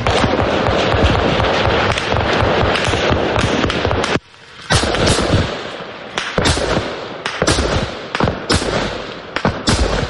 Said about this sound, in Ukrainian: Розриваються російські керовані авіабомби.